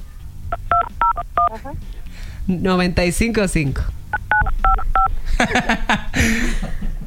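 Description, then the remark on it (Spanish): Short bursts of telephone keypad DTMF tones as someone dials a phone number, several beeps in quick groups, mixed with people talking over and between the dialing. “Sí, aquí escuchamos que lo acabas de marcar, pero no pasa nada.”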